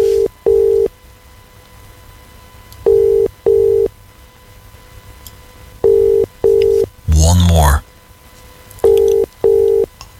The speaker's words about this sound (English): Right, let's make the phone call. Here we are. Here we go. Oh, it's ringing. That's a good start.